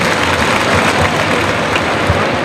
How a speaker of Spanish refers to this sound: Ovación al toro, fíjate.